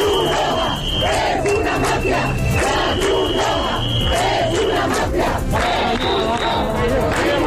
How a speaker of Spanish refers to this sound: Estos son algunos de los cánticos que se están escuchando en estas protestas, donde es verdad que al inicio sobre todo hay gente pacífica, pero también cada vez más radicales